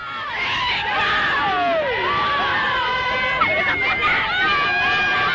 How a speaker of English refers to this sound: driven around the inside of the airport safety fence to the screams and cheers of the fans